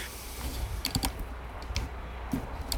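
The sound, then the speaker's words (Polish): A standard, non-mechanical office computer keyboard is handled, producing a few scattered plastic clicks and taps at an uneven pace, fairly quiet, with no one speaking. “Takich standardowych, biurowych klawiatur, nie mechanicznych, tylko takich o.”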